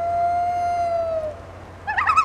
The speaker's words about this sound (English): This is WSHU's Birdsong Break, and with spooky season officially here, we're highlighting some more hauntingly beautiful bird songs this month, starting with the common loon.